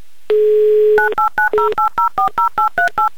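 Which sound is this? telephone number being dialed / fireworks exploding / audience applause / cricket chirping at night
telephone number being dialed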